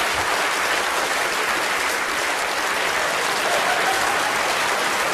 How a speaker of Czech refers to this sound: A víte, pan domácí má starost, aby měl větší potlesk než Radek. Zatím se to daří.